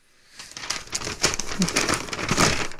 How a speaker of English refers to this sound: Sorry, just, oh, shivers, now I've ripped it. Oh, no. Can't read that one, can I? They don't make paper like they used to. It's all made of paper now.